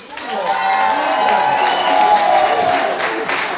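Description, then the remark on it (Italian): A crowd at the Cantavirle event cheers and applauds loudly and steadily for the performing students, with shouting voices and dense clapping sustained throughout, a high-pitched yell rising above the roar. “E allora, ma l'urlo qua!”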